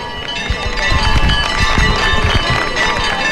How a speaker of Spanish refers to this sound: Mirad, vamos a escuchar los aplausos de la gente.